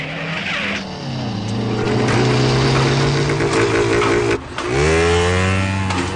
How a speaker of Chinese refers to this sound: 说完，他骑上摩托车离开了。